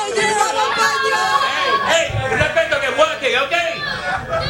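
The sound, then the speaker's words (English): A large crowd gathering in what used to be the sterile area of the Spanish border with Gibraltar, many overlapping voices shouting and chanting "Gibraltar Español" together, a steady loud roar of massed voices with no pauses throughout. “those chants of Gibraltar Español with a flag waving as the crowd continues to gather in the sterile area, what used to be the sterile area of the Spanish border.”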